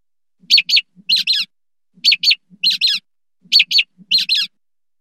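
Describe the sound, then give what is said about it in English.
A mockingbird mimics an American robin's alarm call: sharp, high, piercing notes in paired bursts, repeated three times with short pauses, loud and clear with no voices. “So the first two notes came from a mockingbird imitating the alarm call of an American robin.”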